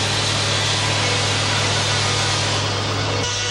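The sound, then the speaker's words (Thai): A sawmill blade grinds steadily through logs floated down the Salween River from the north to be processed at the sawmill, a loud continuous rasping whine over a low machine hum, with no pauses and no voices, ending with a slight shift in tone. “ต้นซุงจะถูกล่องมาตามลำน้ำสารวินจากภาคเหนือเพื่อมาแปรรูปที่โรงเลื่อยแห่งนี้และส่งออกไปประเทศญี่ปุ่นทั้งหมดโดยผู้รับสัมปทานชาวต่างชาติ”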